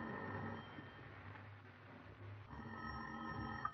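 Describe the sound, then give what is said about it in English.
An old telephone rings in an office in two bursts separated by a short pause, steady and fairly loud against a faint background hiss, with no one speaking. “You pace the floor of your office, and finally, the phone rings.”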